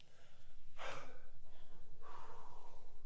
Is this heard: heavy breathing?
yes